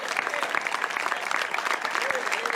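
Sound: audience applauding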